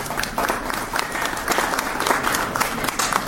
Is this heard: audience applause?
yes